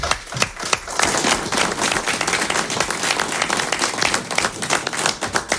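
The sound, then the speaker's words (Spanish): Sustained audience applause, a dense wash of many hands clapping at a steady loud level for several seconds, with no voices standing out. “Bueno, pues yo creo que no hay mejor cierre que este aplauso”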